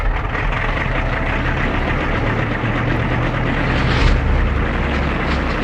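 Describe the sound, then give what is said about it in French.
A steady, loud aircraft engine drone idles continuously before takeoff at 1 a.m. on a full-moon night, with a low rumbling hum and broad noisy roar that holds level throughout, swelling slightly around the fourth second. No voices are heard. “À 1h du matin, par cette nuit de pleine lune, il est temps de décoller.”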